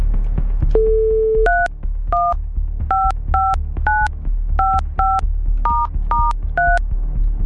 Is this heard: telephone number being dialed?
yes